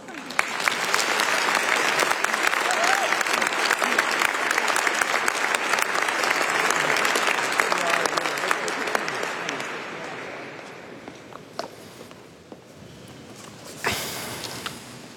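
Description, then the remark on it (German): Applause in a full church welcoming Father Klaus Einsle at a healing retreat: a dense, steady roar of many hands clapping for about ten seconds, then thinning out and fading, with a few scattered claps and a brief rustle near the end. “Großen Applaus.”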